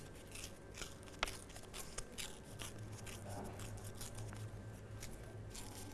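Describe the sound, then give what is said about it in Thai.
Paper being slowly torn by hand for a torn-paper artwork, gripped on both sides between thumb and forefinger, a steady dry crackling rip with a few sharper snaps along the way, over a faint low background hum. “ค่อยๆใช้นิ้วหัวแม่มือกับนิ้วชี้จับที่กระดาษทั้งสองข้างค่อยๆฉีกกระดาษค่ะ”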